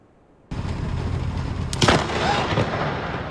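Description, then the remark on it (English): Thunder from an overnight lightning storm, filmed on video near 4th and Burrard in Vancouver: a loud crack bursts in after a moment of quiet, then a heavy rolling rumble follows with a second sharp crash partway through, sustained and booming to the end. “Multiple thunderbolts created incredibly loud booms and bright flashes that lit up people's rooms.”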